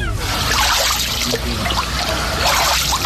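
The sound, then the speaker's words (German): Water sloshes and splashes steadily as someone wades through a Kneipp basin in Dorschhausen, with water between 6 and 8 degrees, with irregular swishes and small trickling splatters, fairly loud throughout; recorded with a phone. “Ich war Kneipen. Ich war in Dorschhausen und da ist ein Kneippbecken.”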